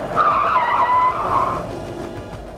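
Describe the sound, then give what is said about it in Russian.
A taxi's tires screech in a sustained, wavering high squeal for over a second as it brakes to a halt, followed by a low engine rumble settling down. No one speaks. “Лёвка вскочил в такси первым.”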